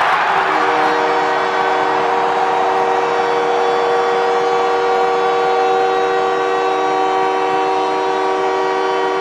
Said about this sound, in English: Well, the captain of the Canadiens, Nick Suzuki, gets the crowd into hysterics as he gets the Canadiens to within one with his 22nd goal of the season.